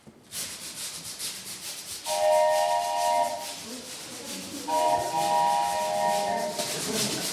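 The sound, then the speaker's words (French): An imitation train made as live foley with a suitcase, a brush and a whistle: a steady, rhythmic scratchy chugging from brushing the suitcase, joined twice by a long, bright whistle blast that rides over the brushing. “Donc, pour faire un train, si moi, mon truc, c'est la flemmardise, j'essaie de le faire du coup le plus synthétique possible.”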